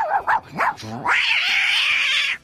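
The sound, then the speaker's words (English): Voice actor Frank Welker imitates a dog and cat fight, as in his stand-up routine: a few quick barking and growling yelps, then a long, loud, sustained cat-like screech, with no ordinary speech. “The way that I got the part for Freddy, I was doing a stand-up routine, and within this routine, I did like a dog and cat fight, a lot of, you know.”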